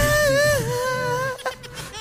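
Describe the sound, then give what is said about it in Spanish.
A woman wails in a high, thin, sustained cry that sounds almost like a whistling kettle, holding one wavering pitch for over a second before it breaks into shorter, ragged sobs. “Está llorando, es una tetera.”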